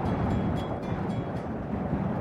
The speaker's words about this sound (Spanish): En la meseta de Somuncurá, el viento no es solamente parte del paisaje, es una presencia permanente. Recorre las piedras, atraviesa los cañadones y cruza kilómetros de estepa sin encontrar demasiados obstáculos.